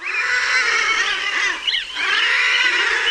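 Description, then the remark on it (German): A dense colony of common guillemots calling all at once, a continuous loud wall of harsh, growling, overlapping cries with a brief dip midway, no talking. “So klingen Trottellummen.”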